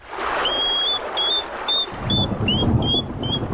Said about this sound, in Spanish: Pues, por tanto, hablando del erizo, vamos a escuchar el sonido del erizo, que es un sonido bastante curioso que podemos escuchar alguna noche.